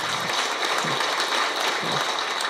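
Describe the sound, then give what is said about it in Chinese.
An audience claps steadily for the academy's dean, a dense wash of many hands sustained evenly throughout at a moderate level, with no one speaking over it. “所以这样子说起来呢，我们的院长不仅是行者啊，也是一位学者，所以大家掌声。”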